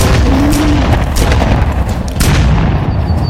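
Several sharp, loud gunshots, fired to scare off a charging moose without hitting it, crack out at uneven intervals over a constant heavy rumbling roar. No one speaks.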